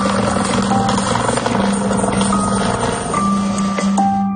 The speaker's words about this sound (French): On a vu les hélicoptères passer, de la police. Ils ont fait plusieurs voyages, ils ont essayé. Ils sont allés partout, le long des rives.